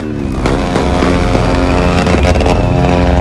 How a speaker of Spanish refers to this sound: ¡Wow! ¡Cuánta gente! Todos en moto.